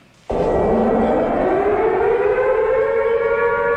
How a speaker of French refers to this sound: À Kiev, les alertes aériennes retentissent en permanence au-dessus de la ville.